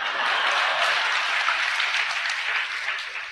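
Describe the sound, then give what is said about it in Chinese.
A crowd claps steadily in a dense, sustained burst of applause that stays loud throughout and tapers only slightly near the end, with no voices over it, as the audience applauds to welcome Yi Zhongtian. “各位鼓鼓掌，让他来了。”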